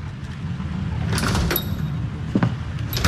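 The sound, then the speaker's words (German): A door slides open as someone comes through it, with a soft mechanical swoosh and a faint high squeal, set against a steady low rumble, followed by a brief knock-like clunk near the end. “Und als wäre das alles nicht genug, trat irgendwann die schlimmste aller Hexen durch die Tür.”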